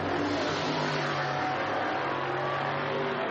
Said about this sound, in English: Is the 17th position car, yes it is, as they go down underneath me. I see HAM on the front of the car, not Lewis Hamilton, but Julian Hamsis.